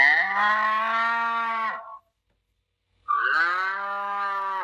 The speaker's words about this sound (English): Cow. This is a cow. Cow. What does a cow say?